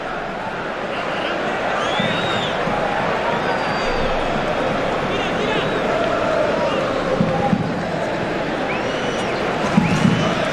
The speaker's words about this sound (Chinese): 17号拉马扎尼是换下了16号迪格洛佩斯。现场的观众呢也是给了迪格洛佩斯和拉马扎尼掌声。